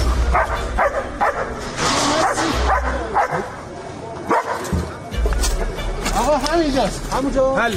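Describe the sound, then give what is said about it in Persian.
Leo, a German-French mixed-breed search-and-rescue dog of the Red Crescent in Iran, barks repeatedly, sharp yips mixed with whining, over a steady low rumble and indistinct voices in the background. “لئو سگ زنده‌یاب جمعیت هلال احمر که در طی حملات نظامی آمریکا و اسرائیل به ایران بدون وقفه به عملیات جستجو و نجات پرداخت و نقش مهمی در پیدا کردن پیکرها و نجات افراد زنده از زیر آوار جنگ داشت.”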